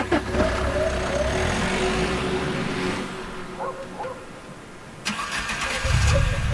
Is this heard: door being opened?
no